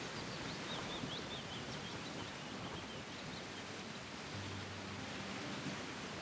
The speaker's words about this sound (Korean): 대나무 잎이 막 이렇게 눈꽃처럼 날리는 그런 광경하고 그 새소리, 그 새소리를 들으면서 이게 너무 좋은데 이게 우리 할아버지가 저한테 주시는 선물이구나.